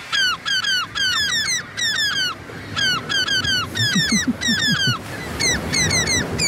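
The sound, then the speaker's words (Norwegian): Seagull squawks, pitched and arranged in quick rhythmic bursts to form the melody of a 2023 pop hit by a Swedish artist, with short sliding cries repeating in groups of three or four and a soft low tune underneath, played as a guessing game on P4 radio. “Ja, Måkene har øvd inn for anledningen her.”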